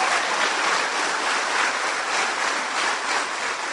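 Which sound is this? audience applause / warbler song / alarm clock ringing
audience applause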